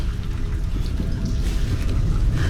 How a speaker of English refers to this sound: Are we in danger? It is not uncommon for large quantities of water to come cascading down the gorge.